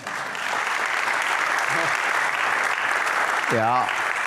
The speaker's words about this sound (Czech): To chce potlesk.